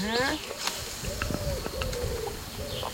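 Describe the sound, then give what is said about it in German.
A pigeon coos from above in low, drawn-out, repeated phrases, with faint clicking and rustling noises and a brief higher call at the start. “Oben singt die Taube.”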